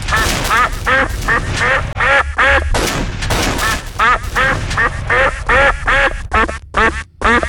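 A duck quacks loudly and rapidly, a dense run of a dozen or more nasal quacks over several seconds, with no one talking.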